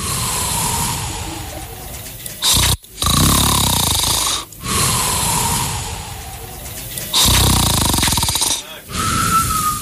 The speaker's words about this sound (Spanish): El 3, porque era así, mira. Es como que ronca fuerte y queda sin respiración.